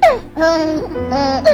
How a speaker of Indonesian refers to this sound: Suara bayi Sulawesi.